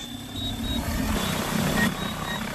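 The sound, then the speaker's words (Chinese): An agricultural spraying drone flies over rapeseed fields spraying fertilizer, with a steady rotor drone and a thin high whine, holding at a constant moderate level throughout with no voices. “又马不停蹄地继续操控无人机为剩下的油菜田喷洒肥料。”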